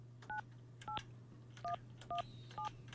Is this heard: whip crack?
no